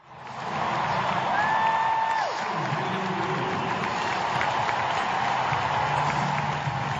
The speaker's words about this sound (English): The sound of cheers there, recorded on my phone back in September 2022 as Serena Williams, one of the tennis greats, lost at the US Open in New York, playing what we thought back then was the last match of her career.